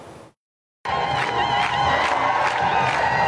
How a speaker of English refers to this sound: Heavy clashes took place over the weekend between the police and thousands of protesters in Geneva as angry crowds protested the gathering of world's seven richest countries.